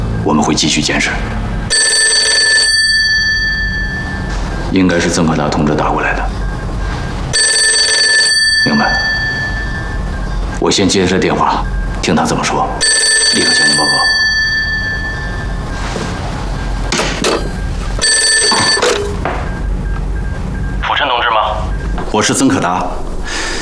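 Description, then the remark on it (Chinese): A telephone bell rings loudly in four long, jangling bursts spaced a few seconds apart, with people speaking in the gaps between the rings. “我们会继续监视，应该是曾可达同志打过来的。”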